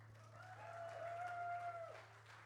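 An audience at a concert applauds to thank the sound and lighting crew and helpers, a steady wash of clapping for a couple of seconds, with a thin sustained whistle-like tone riding over it and a low hum underneath.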